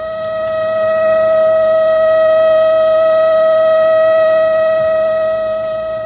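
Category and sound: signal or alarm, siren wailing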